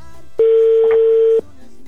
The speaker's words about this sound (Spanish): Ya está sonando, amigo, el teléfono de tu esposa. Pon chonguitos para que lo escuches.